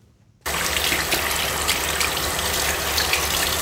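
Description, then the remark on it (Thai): A water tap is turned on to wash hands: after a brief moment of quiet, a loud, steady rush of gushing water starts abruptly and continues without pause to the end. “เมื่อกี้นี่คือเสียงเปิดน้ำต่อค่ะเนี่ยมีกดกึกๆๆแล้วก็มีการถูมือถูเสร็จแล้วไงถูเสร็จแล้วเปิดน้ำแล้วก็ล้างมือนี่ไงใช่ไหมคะ”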